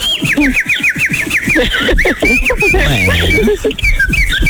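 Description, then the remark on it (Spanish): A pet bird whistles a quick run of repeated high chirps, then breaks into scratchy squawks and warbles, loud, with voice-like sounds mixed in underneath. “Pues ahora sí que hablando de pájaros, ahí les va la canción.”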